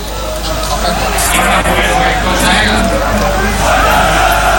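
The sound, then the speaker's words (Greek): A large stadium crowd of Aris football fans rhythmically chants Alkis's name in the 19th minute of a match against Karditsa, voices merging into a loud, dense roar that holds steady throughout, calling out in unison. “Οι φίλοι του Άρη δεν ξεχνούν τον Άλκη. Φωνάζουν ρυθμικά το όνομά του.”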